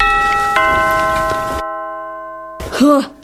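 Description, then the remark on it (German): A doorbell chimes twice in quick succession, its bright tones ringing out and fading, then a brief silence before a voice cries out loudly. “Ich klingel jetzt auch nochmal.”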